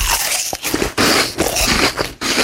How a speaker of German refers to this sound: Und dieses unerträglich laute Schmatzen, wenn er seinen Apfel isst.